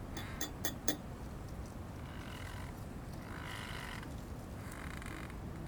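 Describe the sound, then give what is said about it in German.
A teacup clatters as it is set down: about four quick, bright clinks in the first second, then a steady low hiss of background noise with no voices. “Im Vordergrund das feine Klappern einer Teetasse, die abgesetzt wird.”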